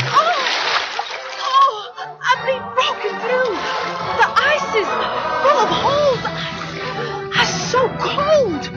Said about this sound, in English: She charged onto the edge of the thin ice and almost immediately broke through, the water coming nearly to her knees. She sloshed her way back up onto the ice and ran